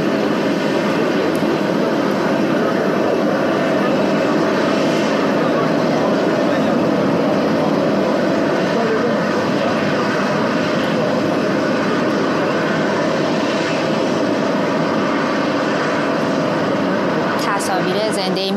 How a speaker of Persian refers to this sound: تصاویر زنده‌ای میبینیم از آنکارا، هواپیمای فورس وان، هواپیمای ایر فورس وان، هواپیمای رئیس جمهور آمریکا همکنون بر زمین نشست. او برای شرکت در نشست سران کشورهای ناتو به ترکیه سفر کرد.